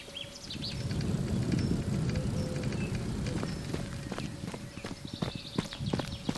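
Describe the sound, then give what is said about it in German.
Birds chirp and trill in high, scattered calls over a steady low rush of the Wümme river in Bremen's Blockland on an afternoon, while a run of quick rattling clicks from bicycles passing on the dike builds toward the end. “So klingt das Blockland an einem typischen Nachmittag. Vögel, Fahrräder auf dem Deich, im Hintergrund rauscht die Wümme,”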